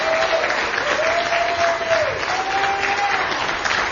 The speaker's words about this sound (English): Let's give the nurses a round of applause.